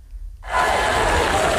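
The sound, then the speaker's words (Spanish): After a brief low rumble, a sudden burst of loud, dense applause and cheering from a large audience erupts and holds steady as a continuous wash of clapping, opening Apple's traditional autumn product presentation led by new CEO John Ternus. “Con esta ovación, el nuevo CEO de la compañía, John Ternus, iniciaba esta tarde la tradicional presentación de otoño de la compañía.”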